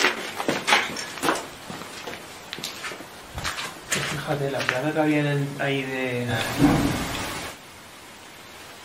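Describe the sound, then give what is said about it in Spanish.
A single dull thud of a door slamming shut in a spa building lands near the end amid people talking on the way to the basement, following a few scattered knocks and bumps. “¿Has oído un portazo? Sí, un portazo parecido.”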